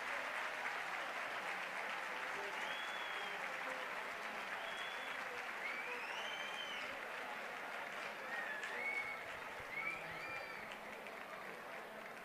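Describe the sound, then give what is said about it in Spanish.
Sustained applause from a large crowd of Club Deportivo Leganés fans in an open stadium, greeting Álvaro Morata as a new player, a steady dense wash of clapping with faint whistles and cheers rising above it. “Cuando justo ahora mismo se están enterando en la grada, lo podemos escuchar con Álvaro Morata como nuevo jugador. Escuchamos el aplauso.”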